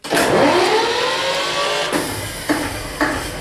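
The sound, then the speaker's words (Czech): An original diesel generator over 60 years old, in a former underground railway headquarters shelter in Šumperk, Czech Republic, cranks with its decompressor engaged and catches, rising into a loud, steady mechanical roar with rising harmonic whine, then a few sharp knocks punctuate the running noise near the end; no voices. “V provozu je třeba i původní přes 60 let starý dieselový agregát. Já zapnu dekompresor a motor se natočí.”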